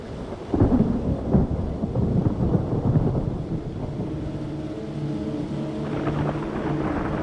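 Deep rolling thunder rumbles loudly through a steady wash of rain in the mountains during the thunderstorm season, with a couple of heavier booms early on before the storm settles into a sustained low roar.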